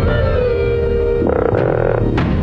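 A frog croaks loudly: a long, droning call that shifts into a rougher, pulsing croak, with a short chirp near the end. No one speaks.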